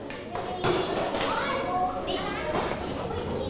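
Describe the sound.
A table is shifted and put away in a classroom, with a few hollow thumps and short scraping drags across the floor, while children's voices chatter in the background.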